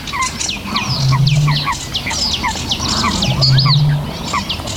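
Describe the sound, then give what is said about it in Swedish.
A sedge warbler sings a fast, varied chattering song that seems to layer two voices at once, bright whistles and rasping notes over low droning tones, continuous. “Det låter som två fåglar, men det är sävsångaren som gör båda rösterna samtidigt.”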